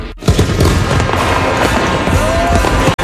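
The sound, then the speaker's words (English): A dense barrage of fireworks crackles and pops without pause, with a whistling rocket streaking through the middle of the loud, continuous burst of explosions. “Are you ready for big booms and bright bursts?”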